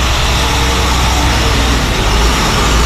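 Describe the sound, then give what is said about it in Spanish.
A heavy water-delivery truck rumbles steadily through a neighborhood in Trujillo Alto, its deep engine drone and broad road noise holding loud and constant throughout, with no voices. “Camiones entraban con el preciado líquido y salían para recargar en Carolina o Dorado.”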